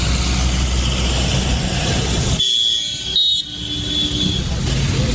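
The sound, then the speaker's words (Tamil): Steady, loud road rumble of a vehicle driving, with a brief lull partway through and a thin high horn-like tone sounding near the end. No one talks. “சரி சரி, வண்டி அங்க நிப்பாட்டுப்பா.”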